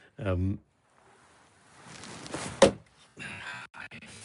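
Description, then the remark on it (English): A short vocal sound, then building rustle before one sharp, heavy thunk of an axe splitting wood, chopped in semi-darkness, followed by a burst of scraping and rustling as the pieces shift. “It's a bit, wood chopping's a fairly dangerous sport, and doing it in semi-dark is not ideal.”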